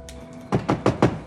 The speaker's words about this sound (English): She looks up to see Zig knocking on the window.